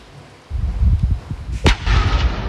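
A controlled detonation, by Romanian Intelligence Service anti-terror specialists, of a drone found in a field in Viișoara, Vaslui County, Romania: a sharp, loud blast cracks out over a deep, rolling low rumble that swells suddenly and keeps churning afterward, with no talking.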